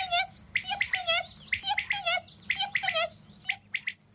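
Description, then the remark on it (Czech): A common quail calling in the fields, with quick, repeated bright chirping notes that come in rapid bursts, clear over a faint low background rumble. “Rozběhneme se a hned jsme v polích. Tam nás křepelka upozorňuje, že spoří.”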